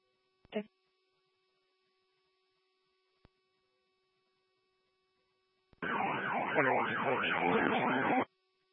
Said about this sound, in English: I can't hear you over your siren.